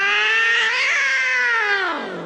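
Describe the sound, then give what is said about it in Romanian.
A cat playing chess with a man in a park lets out a single long, drawn-out meow, loud, its pitch rising slightly then sliding down as it fades at the end. No voices. “Ba da, joacă șah cu o pisică.”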